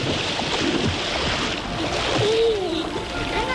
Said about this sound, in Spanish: Hoy nos trasladamos hasta la piscina natural de Robledillo de Gata, uno de los rincones más refrescantes de la Sierra de Gata.